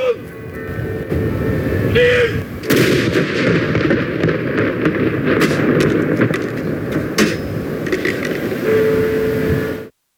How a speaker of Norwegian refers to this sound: Samtidig ble det avfyrt salutt til ære for den avdøde kongen.